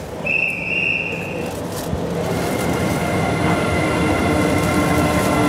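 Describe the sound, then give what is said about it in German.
An electric locomotive slowly pulls the D300 night express train out of Berlin Gesundbrunnen station into the darkness, bound for Copenhagen, Malmö and Stockholm; a steady low rumble of rolling wheels with a high-pitched whine and brief squeal near the start, continuous. “Langsam zieht die E-Lok den Nachtschnellzug D300 in die Dunkelheit.”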